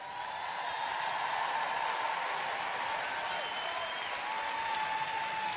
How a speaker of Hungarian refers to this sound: Gyerünk, tapsoljuk meg Istent!